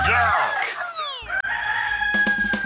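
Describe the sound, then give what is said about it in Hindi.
A rooster crows loudly, a long rising and falling cock-a-doodle-doo, followed by a brief burst of clucking at the end. “कुकड़ू को मिर्ची मुर्गा नवेद के साथ, only on मिर्ची।”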